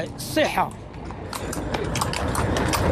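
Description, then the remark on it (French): Horse hooves clop steadily on pavement, a horse-drawn carriage for visitors rolling along with a busy, irregular rhythm, while a voice briefly calls out near the start over low background chatter. “Quelques mètres plus loin, des dizaines de chevaux attendent pour transporter les visiteurs.”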